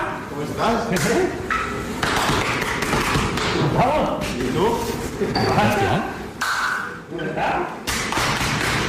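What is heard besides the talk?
hard back slaps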